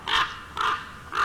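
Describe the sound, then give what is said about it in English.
Three harsh, raspy raven caws repeat at an even pace, each one loud, with brief quiet gaps between them and no talking. “Ravens, I'm sorry.”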